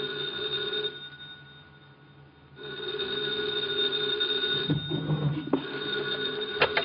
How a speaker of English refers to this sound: 2:00 in the morning, the phone rang.